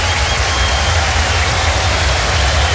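A large stadium crowd of about 25,000 fans applauds steadily for a few seconds as la U's captain Arangui is substituted for Marcelo Díaz in a match against Everton, a dense wash of clapping and cheering over a low rumble, holding an even loudness throughout with no voices standing out.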